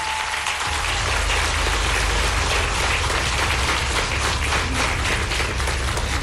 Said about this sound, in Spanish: No sé si ande en Palenque, pero vamos a mandarle un aplauso para que nos escuche.